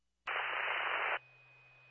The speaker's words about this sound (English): Yeah, I couldn't copy. It's all static.